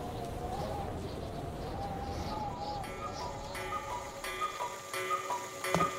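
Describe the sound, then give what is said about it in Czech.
Cuckoo clocks tick steadily as they strike twelve, regular clicks joined by soft, hollow cooing tones and chiming notes that grow more prominent toward the end. “Když kukačky ohlásily 12, babička začala vyhlížet dědu, protože měla oběd na plotně.”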